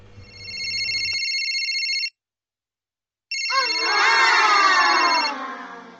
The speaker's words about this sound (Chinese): 又被闹钟吵醒，睁开惺忪眼睛